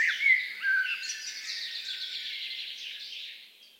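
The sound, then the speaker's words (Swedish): Birdsong outdoors for Fågelsångsnatten on Swedish radio P1: a lively, high-pitched stream of chirps and warbled trills, with a few sharp whistled notes at the start, continuing steadily at moderate volume with no voices. “Allt från vassar och våtmarker till barrskogar och skärgårdar. Lördag 9 maj, 2 minuter över midnatt, börjar Fågelsångsnatten.”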